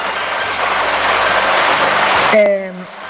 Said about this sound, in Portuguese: Está chovendo, gente. Não sei se vocês vão conseguir entender o meu testemunho.